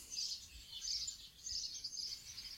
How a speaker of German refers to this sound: Die Vögel zwitschern hier in der abendlichen Sonne, Ecke Kastanienweg vor der Kirche von Döblitz.